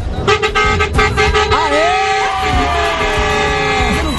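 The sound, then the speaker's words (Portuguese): A loud bus horn blares repeatedly in sustained, tonal blasts, overlapping honks ringing out over some background noise and a brief voice underneath: a honking session by a Penha bus driver carrying 51 passengers, bound for Bento Gonçalves and Florianópolis. “Bora iniciar esse buzinaço.”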